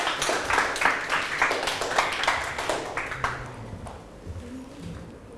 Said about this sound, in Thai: ถูกต้องนะครับปรบมือให้เพื่อนกลุ่ม3หน่อยครับ